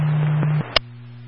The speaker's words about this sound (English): Would you like another set of tones for your department?